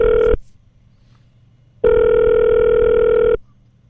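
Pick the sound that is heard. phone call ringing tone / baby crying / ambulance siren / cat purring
phone call ringing tone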